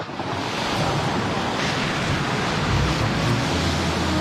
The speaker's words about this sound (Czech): Na zpáteční cestě zuřila bouře, ale já se cítil silný. Hrval jsem se s vlnami a křičel do jejich burácení jediné jméno.